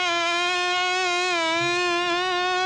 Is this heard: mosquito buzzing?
yes